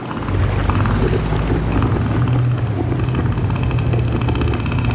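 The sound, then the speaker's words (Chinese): A male northern elephant seal inflates its huge nose and gives a deep, loud roar, a throbbing, pulsing bellow that carries on steadily for several seconds, heavy with no voices present, warning other males to keep away from its territory. “他们鼓起巨大的鼻子，发出低沉而响亮的吼声。”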